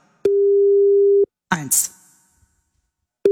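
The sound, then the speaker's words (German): A steady telephone ringback tone hums for about a second, pauses while a brief voice-like burst passes, then begins again: the repeating ring of an outgoing call to a mobile phone waiting to be answered. “Deswegen habt ihr jetzt auch die Handys an und geht ihr dran.”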